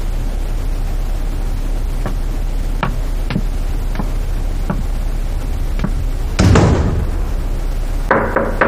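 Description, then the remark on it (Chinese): A series of about six light, sharp knocks on the door of someone's room, unevenly spaced, followed by a louder rumbling thump and a burst of hiss over a steady low background hum. “你进我的屋，为什么不先敲门啊？”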